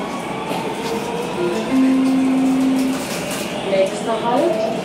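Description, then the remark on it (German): A subway train in Nuremberg rides a few stations across the city centre: a steady rumbling roar fills the car, with a rising motor whine and faint murmuring voices in the background. “Mit der U-Bahn sind es ein paar Stationen quer durchs Zentrum”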